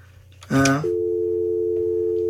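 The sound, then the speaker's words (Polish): A brief buzzy burst gives way to a steady, unbroken telephone line tone as a call is placed, a single low-pitched hum that holds at even loudness until the end, with no talking. “I teraz ci zademonstruję sygnały. To teraz dzwonimy.”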